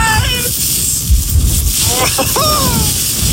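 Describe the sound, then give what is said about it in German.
Steady wind rushes and hisses during the first snowfall of the season on the Aber, with a low rumble underneath and indistinct voices rising and falling through the noise. “Aber allein, wenn ich diesen Wind höre, da könnte ich mir schon wieder die Jacke anziehen.”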